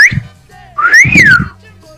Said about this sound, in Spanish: Y cuando cruzaba una chica, primero le chiflamos.